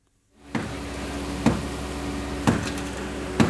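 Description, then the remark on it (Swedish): A man strikes the concrete of a collapsed house with a hammer three times at roughly one-second intervals, trying to make holes in it, in La Guaira outside Caracas; each blow is a sharp, ringing impact over a steady background hiss. “En man bankar med en hammare för att försöka göra hål i betongen på det raserade huset i La Guaira utanför Caracas.”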